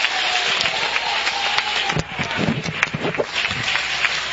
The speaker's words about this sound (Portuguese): Aplausos para Jesus. Aplausos para Jesus.